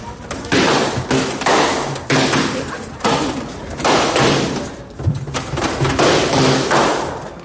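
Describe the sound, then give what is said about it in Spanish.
Many balloons being popped by students in rapid, irregular succession at a welcome activity at the Universidad Politécnica Profesional, each a sharp, loud bang, overlapping with a steady wash of crowd noise and indistinct voices throughout. “Ahora sí, ese globito lo pueden tronar y se lo llevan.”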